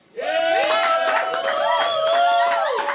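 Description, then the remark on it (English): An audience applauds the panellists as they are introduced, steadily for about three seconds, with sharp claps over loud, sustained whoops and cheering voices that rise and fall in pitch. “So please give them a big round of applause today.”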